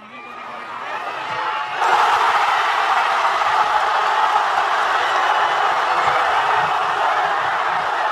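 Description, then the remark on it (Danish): A crowd of football fans in Madrid erupts into loud, sustained cheering and shouting after striker Ferran Torres scores in stoppage time to put Spain ahead, the roar jumping up suddenly from a busier crowd murmur and holding steady at full volume. “Jeg vil ikke snyde jer for lige at høre, hvordan det lød, da angriber Ferran Torres i forlænget spilletid bankede Spanien foran.”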